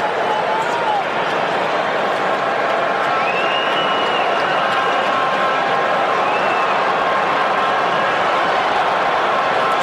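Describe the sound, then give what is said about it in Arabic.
A large crowd of Belgian football fans at a stadium roars steadily throughout, groaning in disappointment at a missed shot by Saelemaekers; a dense wash of voices with rising groans and whistles, loud and continuous with no single speaker standing out. “ردت فعل التفاعل الجماهير البلجيكية حسرة أيضا على ضياع الكرة الماضية.”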